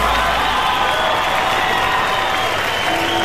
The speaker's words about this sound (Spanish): Gracias, muy amables, por los aplausos a toda la gente que nos acompaña esta tarde.